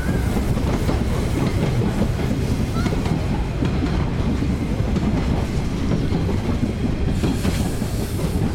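A locomotive drives through with steady, loud clattering of wheels on rails and wind noise throughout, honking its horn briefly near the start.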